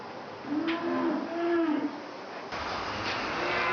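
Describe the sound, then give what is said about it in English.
A single long, drawn-out cow moo rises and falls in a cattle shed over a steady, airy whir of strong electric fans that keep the cattle cool; the whir continues after the call fades, with no one speaking. “Strong electric fans keep the cattle cool.”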